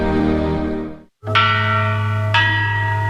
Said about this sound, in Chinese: 一段青铜钟声吟唱着曾经的辉煌